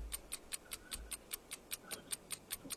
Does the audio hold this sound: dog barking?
no